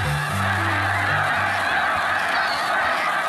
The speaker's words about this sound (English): Snow geese flocks are massive. During migration, they gather in the tens of thousands, and they coordinate their movements with the skill of schooling fish or starlings that turn together on a dime.